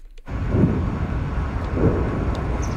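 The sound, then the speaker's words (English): Two deep, muffled booms from explosions just south of Moscow roll in from far away, a couple of seconds apart, over a steady low rumble of outdoor noise, during a large Ukrainian drone attack. Nobody speaks. “Distant explosions rumble through the air just south of Moscow following one of Ukraine's largest drone attacks of the war.”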